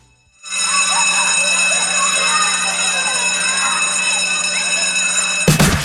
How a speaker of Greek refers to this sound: Αυτό το κουδούνι λοιπόν φέτος δεν σημαίνει μόνο επιστροφή στα θρανία.